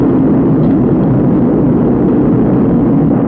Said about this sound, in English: T-minus 10 seconds. 9, 8. We have ignition. 6, 5. We have outboard engines. 3. We have inboard engines. 1. 0, we have a launch commit. We have a liftoff at 35 minutes after the hour.